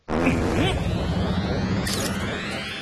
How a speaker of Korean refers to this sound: …, 방귀 한번 크게 끼워주세요. 어? 빨리요! 그거라면 쉽지.